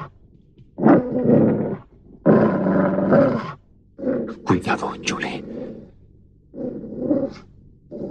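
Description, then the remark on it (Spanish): A dog growls and snarls aggressively in several loud bursts with short pauses between them, while a person briefly speaks over the noise. “Este maldito perro va a saltar sobre mí.”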